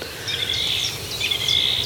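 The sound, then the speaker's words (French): An unseen thrush sings outdoors, its varied, bright whistled phrases running continuously over a soft background hiss, with no voices present. “Cette grive, là, qui... qu'on n'a pas vu, mais...”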